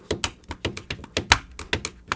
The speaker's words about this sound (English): I was playing the pen on the paper.